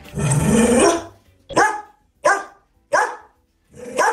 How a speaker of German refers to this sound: Das ist Cora, wenn sie in Nüstal bellt.